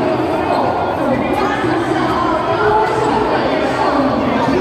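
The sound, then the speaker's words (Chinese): Loud, unbroken crowd din at Blizzard's joint exhibition booth at a live event: many overlapping voices merge into a dense, steady roar of chatter, with no single speaker standing out and no pauses throughout. “现场比较吵。”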